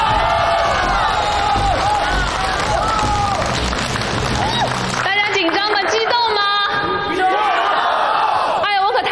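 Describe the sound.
A loud crowd cheers and applauds in a dense, continuous roar, welcoming a manager at a prize draw event, then the noise thins into scattered whoops and excited shouting voices toward the end.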